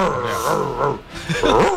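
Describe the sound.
A person imitates an angry monkey with loud, harsh roaring and groaning vocal bursts, sliding in pitch and running continuously for under two seconds.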